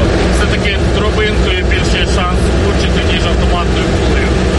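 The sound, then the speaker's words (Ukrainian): A car races along at maximum speed on a windy day, its engine and road roar loud, steady and unbroken from start to finish, with faint muffled voices buried in the din. “Попри всі ці перестороги, авто несеться на максимальній швидкості.”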